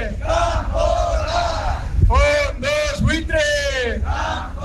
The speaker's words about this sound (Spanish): Así sonaba la Plaza de Merindades, que protestaba contra el decreto firmado por parte del Gobierno central que amplía hasta 2030 la protección contra los desahucios para hogares vulnerables, pero dicen que ese escudo no es suficiente.